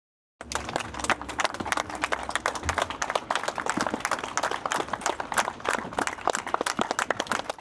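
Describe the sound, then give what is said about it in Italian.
Sustained applause from Francesco Guccini's fellow villagers at his private funeral in Pavana, as the coffin leaves the outer courtyard of the house; dense overlapping claps forming a steady crackling wash that continues without pause throughout, with no speech over it. “Lunghi applausi dei compaesani di Francesco Guccini hanno accompagnato l'uscita del feretro dalla corte esterna della casa.”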